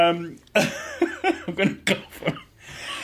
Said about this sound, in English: I'm going to cough on air as well. That's a waste of 3 seconds, wasn't it?